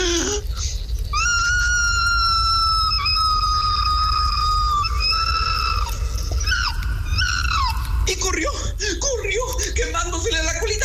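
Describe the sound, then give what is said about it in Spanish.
A human voice imitates an opossum's pained scream as its tail burns in a fire: long, shrill, wavering wails held for several seconds, then breaking into choppier, strained cries. Loud, with no talking. “Y el tlacuache pegó un fuerte grito de dolor, más o menos así.”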